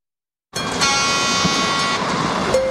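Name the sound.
train running on rails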